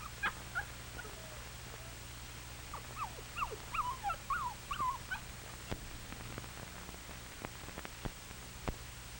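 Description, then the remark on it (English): A homesick puppy named Tammy whimpers in a run of short, high-pitched whines bunched together midway, fairly soft, with scattered faint clicks and a low steady hum in the background. “And Tammy is a little homesick at first. Donnie comforts the puppy.”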